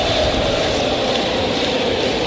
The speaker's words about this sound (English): crowd hooping it up, 33,919.